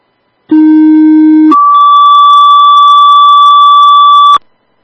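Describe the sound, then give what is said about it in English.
A loud two-tone dispatch page, re-sent as a retone for a driver: a steady low tone for about a second, then a higher, brighter tone held for nearly three seconds before cutting off. No voices. “Do you want a retone? Yes, please, per driver at least.”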